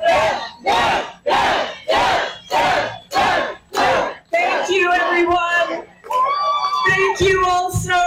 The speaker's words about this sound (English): As the crowd was chanting her name, Deb Haaland took to the stage to thank voters for their support and outline her agenda.